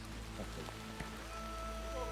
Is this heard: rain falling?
yes